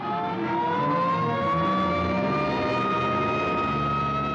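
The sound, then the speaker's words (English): A loud ambulance siren wails steadily, its pitch slowly gliding upward, over the rumble of a vehicle engine as it pulls away. No one speaks. “Hey, here comes an ambulance out.”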